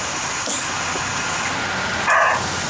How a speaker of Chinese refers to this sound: 这还没脱落呢， 这是个公的，那个 记得听见那叫声，这还第一次录到狍子叫啊。